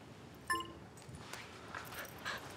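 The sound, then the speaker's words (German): A dog gives a short, high whimper, followed by a few fainter whiny sounds and light clinking. No one is speaking. “Tun Sie bloß nicht dem Hund weh.”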